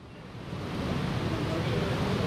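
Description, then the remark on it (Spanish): Heavy rain falling in Guadalajara as a steady, dense hiss with no breaks, swelling slightly after the first half second, with no voices over it. “Estamos viendo cómo cae agua. Yo creo que se oye el agua, ¿no?”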